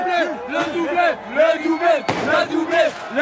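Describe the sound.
A crowd of football supporters chants together in the small Rue Raymond Losserand in the 14th arrondissement of Paris, voices rising and falling in a rhythmic, sing-song refrain, loud, with a sharp bang cutting through partway.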